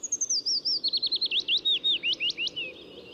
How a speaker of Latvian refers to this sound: stāsta par vītīti, kustīgo mazputniņu ar melanholisko dziesmu. Klausāmies!